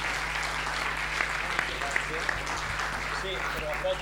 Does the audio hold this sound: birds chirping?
no